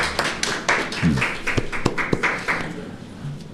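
Audience applause: a steady, moderately loud crackle of many hands clapping together, with a few sharper individual claps standing out and a brief low voice underneath.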